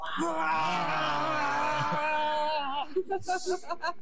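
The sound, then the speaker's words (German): A father, a mother and a child together let out a long, loud, sustained growling roar imitating a bear as the father gives the child an injection in the thigh, holding for over two seconds before breaking into a few short, panting grunts and a breathy hiss. “Und gemeinsam brüllen wir wie ein Bär.”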